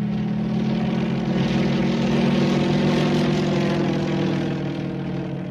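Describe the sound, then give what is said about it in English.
A propeller airplane engine drones steadily and loudly, a constant low throbbing roar that swells slightly in the middle and eases a little toward the end, with no voices. “In the air.”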